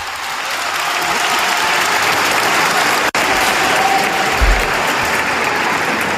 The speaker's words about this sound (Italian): Proprio nel momento in cui ha finito ci siamo ancora. Che peccato, però l'applauso l'abbiamo sentito ed era molto sentito, era sincero sicuramente.